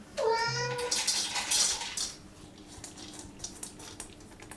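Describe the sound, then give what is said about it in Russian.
An automatic cat feeder in a smart home, demonstrated by its blind owner who asks the Alisa voice assistant to feed the cat Dosik, gives a short tonal chirp, then a brief clattering whir for about a second as dry food drops, followed by quieter faint rustling. “Кормушка для кота. Хозяин демонстрирует ее в работе.”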